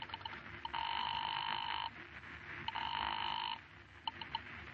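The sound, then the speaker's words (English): A few short dialing beeps as a familiar number is dialed by hand, then a telephone rings twice in long, steady electronic bursts with a pause between them, followed by more faint beeps. No one speaks. “Your hand is shaking as you pick up the phone and dial a familiar number.”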